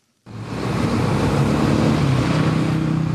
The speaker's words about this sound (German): Ein riesiges Gelände, etwa so groß wie 6000 Fußballfelder. Baumaschinen ebnen den Boden, es ist heiß, Staubwolken wehen durch die Luft. Lastwagen transportieren Steine und Schotter.